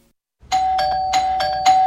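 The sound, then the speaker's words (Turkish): A doorbell chimes repeatedly in quick succession as parcel deliveries keep arriving, bright ding-dong tones ringing out loud with no voices, one ring running into the next. “Bir susmadı bonusluların zilleri. Ding dong ding dong.”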